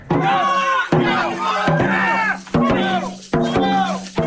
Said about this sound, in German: Am Samstag findet das größte Drachenbootrennen Mittelhessens auf der Lahn statt. Überall stehen begeisterte Zuschauerinnen und Zuschauer und feuern die verschiedenen Teams an. Das klingt dann in etwa so.